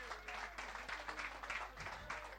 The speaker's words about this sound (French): Je voudrais qu'on applaudisse bien fort toute l'équipe de Radio Chevauchoir, les amis.